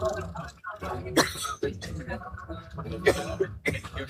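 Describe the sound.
Two or three sharp coughs break out a couple of seconds apart, with a low murmur of voices and throat noises continuing underneath.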